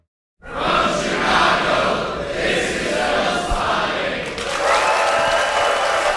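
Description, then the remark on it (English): A packed crowd at the Music Box Theater in Chicago applauds in a dense, sustained roar of clapping that starts abruptly and holds steady for several seconds, with scattered cheers mixed in, at a festival screening of Wes Anderson's The Royal Tenenbaums for its 25th anniversary. “That was the packed crowd just this past Sunday at the Music Box Theater in Chicago, there to close out Film Spotting Fest.”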